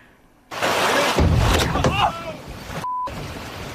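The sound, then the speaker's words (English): A humpback whale crashes through the door of a small fishing boat carrying two men off Long Island, New York: a sudden loud impact followed by heavy rushing, splashing water with fish and water flying, and a brief startled shout mixed in before the sound cuts off. “All right, well, two men out fishing off of New York's Long Island caught a startling moment when a whale crashed into their boat.”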